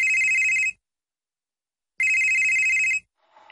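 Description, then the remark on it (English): A telephone rings twice, each ring a steady, loud, high electronic trill separated by a pause of silence, with a faint rustle at the very end. “It's your childhood calling. Pick up.”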